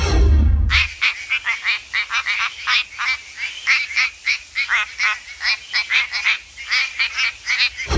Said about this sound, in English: This is the quacking frog WA. Quacking frog from WA.